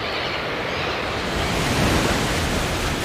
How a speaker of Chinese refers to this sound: 这里大海波涛汹涌